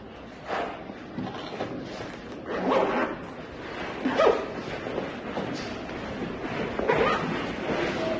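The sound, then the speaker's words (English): Rustling and clattering as a girl packs her pencil, eraser, pencil sharpener and ruler into a pencil case for English class, with a few short bursts of scraping, zipper-like sounds spread over several seconds and no talking. “She can pack pencil case.”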